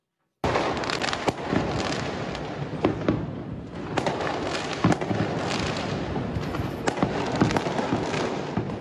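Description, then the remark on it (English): A dense, continuous barrage of fireworks exploding outdoors on Territory Day, with sharp cracks and pops layered over a constant rumbling crackle, some bursts louder, others softer, with no voices. “The sound of fireworks, Territory Day, almost 4 weeks ago now.”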